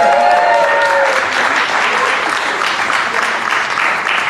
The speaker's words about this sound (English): But don't clap too hard for her, though.